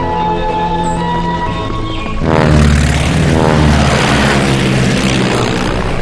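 airplane flying overhead

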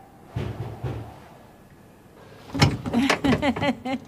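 door being opened

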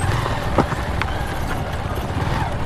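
horse hooves clip-clopping

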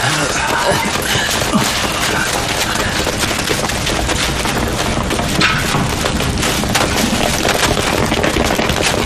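explosion

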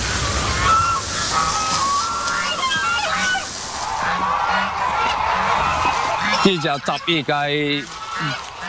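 lion-head geese honking

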